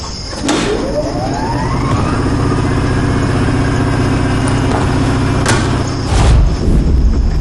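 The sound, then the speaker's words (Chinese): An electric generator sputters to life after a short burst, its engine pitch climbing quickly before settling into a loud, steady mechanical drone with a low hum. Occasional clunks punctuate the running engine. “这是我爸爸专门给你们准备的一个地方，还特意弄了一台发电机。”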